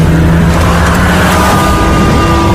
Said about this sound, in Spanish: dos agentes Mossos de Escuadra de paisano consiguen ver cómo un vehículo les adelanta a gran velocidad. Alrededor de las 11 de la noche se ve dirección sur haciendo conducción temeraria.